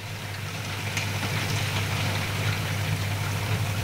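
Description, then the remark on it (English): Steady spring rain patters against the windows of a studio at Berkeley Square, a dense, even hiss of drops with faint irregular taps, heard alone over a low constant hum in the background. “And I must say, I love hearing the sound of the rain drops hitting the windows outside here.”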